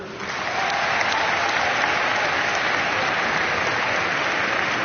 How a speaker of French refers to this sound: Et on est allé jusqu'au bout, donc je voulais vous en remercier et je pense qu'on peut s'applaudir.